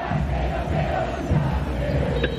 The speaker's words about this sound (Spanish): Los jugadores ya se retiraron del campo de juego con algunos aplausos de los hinchas.